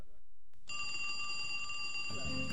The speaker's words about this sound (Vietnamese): Chuông điện thoại reo, vợ nhấc máy.